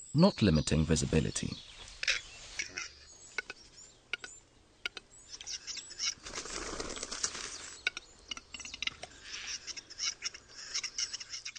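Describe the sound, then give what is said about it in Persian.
A large ground-nesting forest bird's breeding-season courtship song, made with a display to attract the female: a loud, low harmonic call at the start, then scattered sharp clicks and a rustling, flapping burst midway, in a quiet forest. The song has four parts. “آهنگ خاص اینها دارای چهار بخش است که یک ترکیب خاص دارد.”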